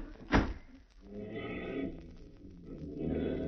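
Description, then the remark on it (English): A back door bangs once, sharp, near the start, as people hurry out through it, followed by muffled shuffling and creaking movement as it swings and settles, with low background noise throughout. “All right, here's the back door. Now, this way.”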